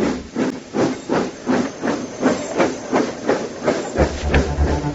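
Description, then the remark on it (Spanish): A steam engine hisses and chuffs in steady rhythmic bursts of steam, about two per second, loud, with a low mechanical rumble joining near the end. “Llegaba la máquina de vapor, y con ella, una revolución.”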